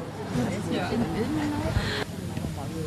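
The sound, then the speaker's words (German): A small boy in a baby carrier babbles and coos in short, gliding vocal sounds during a soundwalk, over a steady wash of outdoor background noise. “Und ich habe gestaunt, dass mein kleiner Sohn in der Trage mitgemacht hat, den man jetzt auch gerade hört.”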